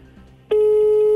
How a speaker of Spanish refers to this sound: Llama, pero no contestan. No sirven los teléfonos o definitivamente no contestan.